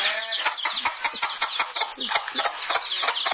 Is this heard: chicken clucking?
yes